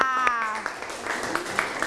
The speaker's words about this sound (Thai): ขอบคุณค่ะเป็นคำตอบที่ถูกต้องไหมคะถูกต้องขอเสียงปรบมือให้เพื่อนหน่อยค่ะ